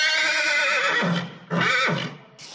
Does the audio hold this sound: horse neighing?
yes